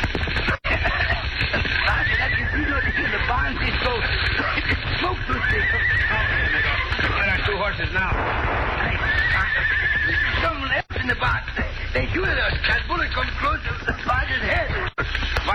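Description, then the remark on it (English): Horses whinny and neigh repeatedly in a loud, busy scene, with hooves clattering steadily underneath and people talking amid the commotion, as Cisco and Pancho rush to rescue the horses from a barn that has been set on fire. “Quickly, let us get those horses.”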